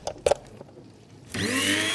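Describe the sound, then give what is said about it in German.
A few soft clicks and knocks as an electric coffee grinder for grinding coffee beans is plugged in, then it switches on and whirs up to a loud, steady, high-pitched grinding hum that continues to the end. “Und dann hier noch meine elektrische Kaffeemühle. Damit mahle ich immer meine Kaffeebohnen klein.”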